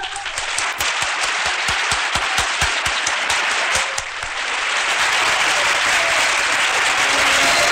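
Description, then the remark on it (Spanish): Loud, sustained audience applause welcoming the child singer Joselito before he sings fills the whole stretch: a dense wash of many hands clapping, with a few sharper individual claps early on and the ovation swelling fuller toward the end. “Un aplauso para él.”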